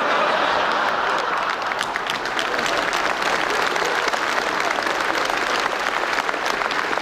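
Steady, dense audience applause fills the whole stretch, many hands clapping at once in a continuous rattling wash with no pauses, fairly loud and even throughout.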